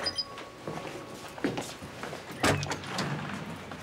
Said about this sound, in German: Polly, mach die Tür auf.